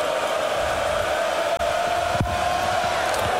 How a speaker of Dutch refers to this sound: Het publiek reageert er ook op. Die voelen het ook aan.